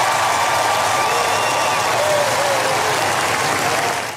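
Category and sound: crowd, crowd applauding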